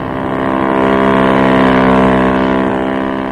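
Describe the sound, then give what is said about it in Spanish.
A speedboat crewed by a captain and several officers, launched from a ship into the sea and heading toward another ship under a searchlight; its motor drones steadily over the water, the engine tone holding a strong harmonic hum that swells slightly in the middle and eases off toward the end. No voices. “Una lancha rápida, tripulada por el capitán del Príncipe Carlos y varios oficiales, fue echada al mar.”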